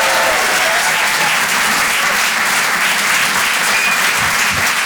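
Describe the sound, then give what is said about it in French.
Steady, loud applause from an audience at the Rire et Chansons Comedy Club for a performer, a dense wash of many hands clapping that holds evenly for about five seconds with no voices standing out. “Faites du bruit s'il vous plaît pour Nikos sur les chansons.”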